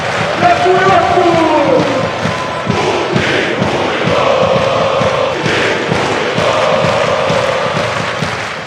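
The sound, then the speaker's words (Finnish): A large crowd of football fans, the Pohjoiskaarre supporters' group of the Finland national football team, chants loudly in unison during a match, voices rising and falling in a steady rhythmic pattern, with dull thumps and claps beating underneath throughout. “Pohjoiskaarre eli Suomen jalkapallomaajoukkueen faniryhmä toi kovalla äänellä esiin mielipiteensä.”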